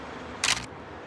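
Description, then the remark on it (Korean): A single crisp mechanical shutter click as someone presses the shutter of an old camera, photographing the scene in front of a laundry shop; fairly loud, with a brief double-stage snap, standing alone against a quiet background hiss. “영원은 셔터를 눌렀다.”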